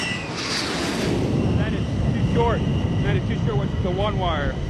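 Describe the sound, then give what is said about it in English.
An F-14 Tomcat jet fighter comes in to land on an aircraft carrier deck, its loud, steady engine roar filling the scene while faint voices talk underneath. “Landed too short. The one wire is the wire closest to the rear of the boat, and if you catch it, that means that you were dangerously close to going too low and slamming into the back of the carrier.”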